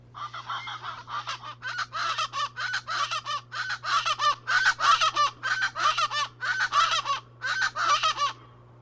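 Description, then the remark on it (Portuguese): A chestnut-bellied chachalaca (Ortalis remota, family Cracidae, called aracuã-guarda-faca in Portuguese) calls in a loud, raucous series of harsh, honking notes, repeated in a steady, rhythmic chorus with no pauses, over a faint low steady hum. “Quem disse que é o Aracuã guarda-faca acertou.”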